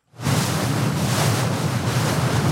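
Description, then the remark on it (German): Rough grey sea waves on the Öresund, whipped up by the wind, churn and surge steadily while strong wind roars across the microphone, heard in the morning from a Swedish pilot boat that has just left Helsingborg harbour; a dense, continuous wash of water and gusting noise with no voices. “Der Wind hat die Wellen aufgepeitscht.”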